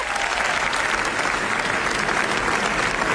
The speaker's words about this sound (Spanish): Y estos son aplausos que, bueno, pues ya sepan nuestra corresponsal, pero no, son para Pedro Almodóvar en el Festival de Cannes.